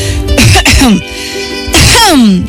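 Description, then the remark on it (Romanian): A person gives two or three throaty, forced coughs in quick succession, harsh bursts with a voiced rasp, separated by a short pause. “Umilită că se dăduse de gol pe când pregătea o minciună atât de naivă, a tușit de 2-3 ori pentru a-l face pe micul prinț să se simtă stingherit.”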